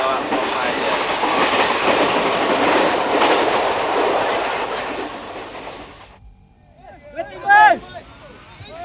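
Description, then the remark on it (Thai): A train on the southern railway line rumbles loudly along the rails for about six seconds in a steady, dense roar with faint clattering, then cuts off abruptly; brief voices follow at the end. “แม้วันนี้ภาพของกองทัพมดเหนือขบวนรถไฟสายใต้จะจางหายไปภายนอกหน้าต่างรถไฟสายนี้ยังคงสะท้อนภาพชีวิตของกลุ่มคนที่ดำรงไว้ซึ่งวัฒนธรรมความเป็นอยู่ของตนอย่างเหนียวแน่น”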